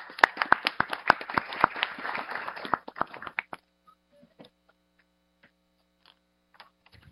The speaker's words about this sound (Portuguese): Desta forma, uma salva de palmas a essas pessoas.